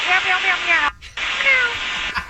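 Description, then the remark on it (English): A regional jet pilot imitates cat meows over a crackly, hiss-filled air traffic control radio channel, two drawn-out meowing calls split by a short break in the transmission. “Okay, so they're meowing, RJ's. They're barking.”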